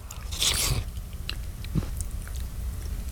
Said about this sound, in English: But I don't want to slurp out of your bowl. No, I got an extra bowl for you. Slurping some soup. I got an extra bowl.